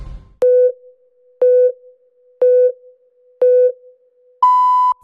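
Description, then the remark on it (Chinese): A radio hourly time signal marking 8 o'clock Beijing time on Jiangsu Broadcasting Corporation FM 97.5: four short, evenly spaced low pips a second apart, followed by one longer, higher-pitched beep marking the hour. The tones are loud and clean, with no voices. “现在时刻，北京时间8点整。”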